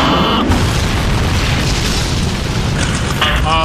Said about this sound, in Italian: Credo che l'aereo di Maverick, come comandante, che sia schiantato al suolo.